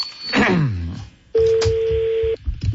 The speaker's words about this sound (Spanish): Vamos a marcar.